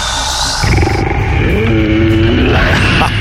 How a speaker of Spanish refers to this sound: El rugido.